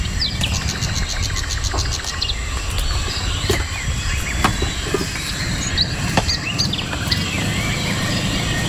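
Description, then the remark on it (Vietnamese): A dense, continuous chorus of shrill chirps and squeaks from a bat colony at Máng Rơi in U Minh Thượng National Park, Vietnam, an area of about 15 hectares home to many bat species, many overlapping calls at once over a steady low rumble of background noise, with no voices. “Khu vực này có diện tích khoảng 15 hectare, là nơi sinh sống của nhiều loài rơi.”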